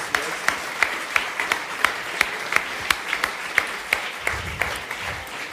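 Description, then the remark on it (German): Steady audience applause fills the whole stretch, a dense crackle of many hands clapping at once with sharper individual claps popping out, and a brief low murmur near the end. “Also das ist ein riesen Applaus, bitte.”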